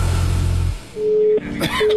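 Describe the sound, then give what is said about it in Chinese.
A low hum gives way to a steady telephone tone that cuts on and off, like a busy signal on a call that won't connect, with a brief clatter between beeps. “以前啊，最怕爷爷一个人在家，一个电话打不通，全家都心慌。”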